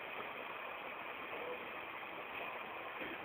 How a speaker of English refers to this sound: I think the resonance comes from the sudden noise of the train overhead, followed by the sudden silence after it leaves. It's 31st Street.